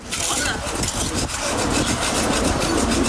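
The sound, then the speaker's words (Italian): Dozens of residents in Leipzig, Germany, scrape tar off tram tracks with spatulas during extreme 40-degree heat, in a dense, continuous rasping, overlapping strokes blending into a steady loud scratching with no pauses. “Decine di residenti della città di Lipsia cercano di liberare i binari della rete tranviaria dal catrame.”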